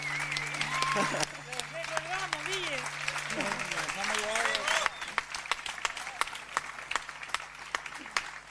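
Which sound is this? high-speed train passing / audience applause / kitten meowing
audience applause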